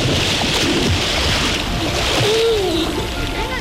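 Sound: water splashing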